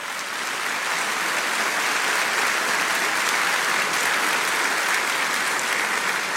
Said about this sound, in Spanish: Dale un aplauso grande al Señor.